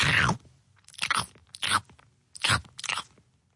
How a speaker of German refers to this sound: Dauert ja eine Weile, bis man so eine Möhre geschnurpst hat. Und es ist so laut. So, so laut.